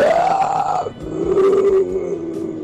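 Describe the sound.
A caller on 5FM radio imitates a lion's roar: a loud, strained vocal growl that starts higher and sharp, then drops into a lower, sustained rumbling roar lasting about two seconds.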